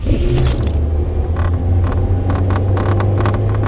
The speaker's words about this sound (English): Does your car rattle like an old washing machine? If it does, you'd probably rather have another car.